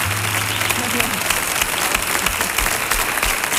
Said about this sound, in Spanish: por favor, un aplauso doble, triple.